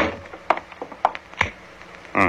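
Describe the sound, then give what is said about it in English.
A wooden door is pushed shut with a solid clunk, surrounded by a few smaller knocks and rattles, moderately loud, ending in a brief rush of noise. “Well, close the door.”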